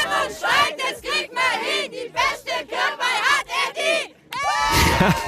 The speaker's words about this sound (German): Und der ganze Ort war auf den Beinen auf jeden Fall. Und die haben sich dort sogar einen Schlachtruf überlegt für die Kirchweih-Challenge.